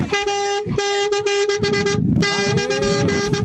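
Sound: vehicle horn honking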